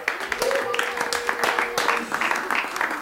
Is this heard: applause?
yes